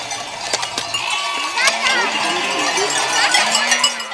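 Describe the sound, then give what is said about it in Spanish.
A herd of goats arrives, bleating in wavering, nasal cries while their bells clank and jangle irregularly, a busy, steady din with several animals calling over one another. “ha llegado con sus cabras.”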